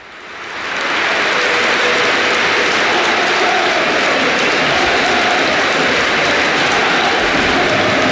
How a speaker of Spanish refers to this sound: Ahora le hacen el pasillo también los jugadores del Athletic Club, del Real Madrid. Aplaude Dani Carvajal. Este es el Bernabéu.